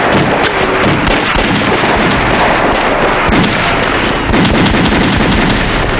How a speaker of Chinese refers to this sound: 听，有枪声。 是啊， 年轻的驼队一定是遇上麻烦了。